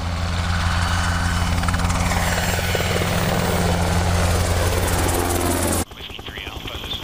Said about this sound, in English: Nolan Beck has been flying for 18 years and is a test pilot on one of the most successful military helicopters ever made, the Black Hawk. I love to fly any aircraft, but what I like most about the Black Hawk is its versatility.